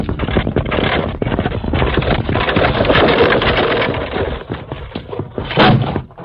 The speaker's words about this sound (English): Kimasabi, what's that? Evidently a runaway wagon wheel. Steady, Silver. Must have rolled off the main trail up above us.